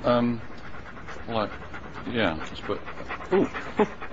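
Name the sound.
dog panting and whimpering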